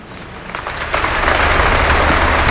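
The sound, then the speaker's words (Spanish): Applause from a large crowd for the speech given by Pope Leo XIV at the Abbey of Montserrat swells after about a second into a dense, steady wash of clapping over a low rumble, with no voices on top. “Lo que estás escuchando ahora mismo en directo son los aplausos al discurso que ha dado su santidad el Papa León XIV aquí en la Abadía de Montserrat”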